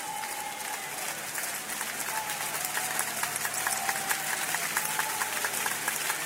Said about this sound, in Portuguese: Todos, todos, todos, todos glorificando a Deus com palmas.